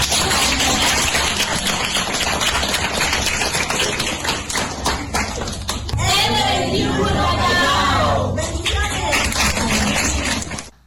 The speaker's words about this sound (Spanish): Queremos agradecer y les invito a que todos podamos dar un fuerte aplauso a todos.